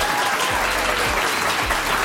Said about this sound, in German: Die Leute finden das auch, deswegen klatschen die gerade alle.